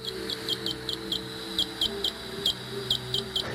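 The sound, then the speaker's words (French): Greater horseshoe bat calls: a dozen or so short, high-pitched tonal beeps in an uneven, morse-like rhythm, repeated over a low, steady background hum. “Un deuxième exemple, autre rythme, le cri du grand rhinolophe.”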